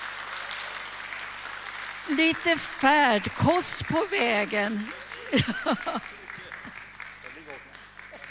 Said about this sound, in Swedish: Så ett hjärtligt tack med en riktigt varm applåd.